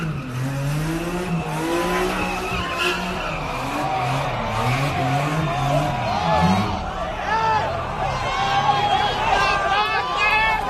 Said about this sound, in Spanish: Rociaron gasolina en el piso para hacer más espectaculares las donitas con el auto, pero uno de los jóvenes salió frito.